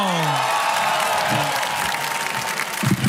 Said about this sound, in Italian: Quindi bravi a quelli che non hanno detto no, ma quando, cioè sì, anche se l'avete detto era scenico, quindi... fatevi un applauso.